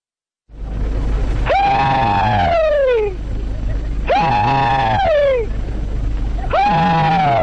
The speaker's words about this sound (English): This is a Confederate soldier doing his Southern battle cry, the rebel yell. This audio was recorded in the 1930s at a Civil War memorial event. About 8 Confederate veterans are there, and all of them are at least in their 80s.